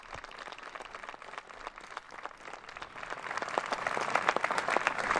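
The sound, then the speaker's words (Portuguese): A crowd breaks into spontaneous applause as the Pope and the director-general water an olive tree planted in the Square of Tolerance; dense rapid clapping that starts moderately and swells louder over the few seconds, with no voices standing out. “O aplauso brota.”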